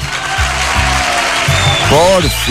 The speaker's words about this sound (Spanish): fuerte el aplauso.